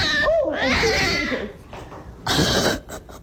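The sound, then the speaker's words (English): A cat in Dublin, Ohio gives a low, wavering growl that rises into a yowl, then lets out a sharp, breathy hiss, loud, followed by a few shorter bursts, as it claws a reporter's face. “You could hear the cat give warning shots.”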